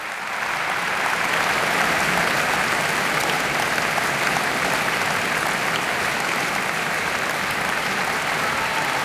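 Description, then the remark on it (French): Sustained audience applause after pianist Beatrice Arana's performance of Brahms's Piano Sonata in F-sharp minor, Op. 2, a dense, even patter of many hands clapping at steady loudness with no voices rising above it. “Bien plus qu'une sonate, une balade fantastique, Brahms explose le cadre de la forme bien connue, la forme sonate, dans ses quatre mouvements de cette sonate en fa dièse mineur, opus 2, jouée par Beatrice Arana, copieusement applaudie.”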